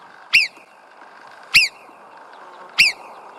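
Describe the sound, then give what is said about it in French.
Three sharp, high-pitched marmot alarm whistles ring out at even intervals, each a short piercing chirp warning other marmots that a predator may be prowling nearby, over a low background hum. “C'est ça, le petit sifflement pour prévenir les congénères qu'il y a peut-être un prédateur qui rôde par là.”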